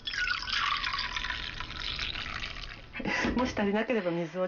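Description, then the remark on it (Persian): 230 ml of dashi broth pours steadily into a pot with soaked rice, with a splashing rush for about three seconds, then a person starts talking as the pouring fades. “۲۳۰ سی‌سی از سوپ داشی رو اندازه میگیریم و به قابلمه اضافه میکنیم.”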